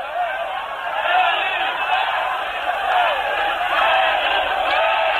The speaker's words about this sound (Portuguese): Já próximo do saguão do Teatro Bandeirantes, o público bate palmas e alguns até acenam alguns lenços, dando seu último adeus. O momento realmente é de muita emoção. As pessoas cantam com muita emoção, com lágrimas.